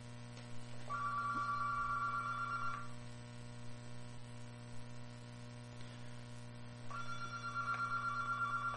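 A telephone rings in two long electronic trills separated by a pause, a bright steady tone over a constant low mains hum and faint static, with no voices.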